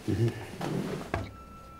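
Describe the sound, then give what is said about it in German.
A drawer slides open with a short scraping rumble and a couple of soft knocks, with a brief murmur of a voice at the start. “Taschentücher? Schublade?”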